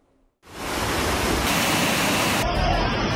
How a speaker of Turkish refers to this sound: Taşkınlar yaşadık. Su taşkınları dere yataklarında. Dereler, barajlar taştı.